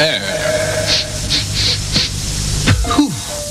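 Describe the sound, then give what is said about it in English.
An aerosol spray can of 'Foul Air' air spray gives several short, bright hissing bursts in a row, followed by a quick sliding tone, all over a low steady hum. “Why don't you know it's new spray foul air?”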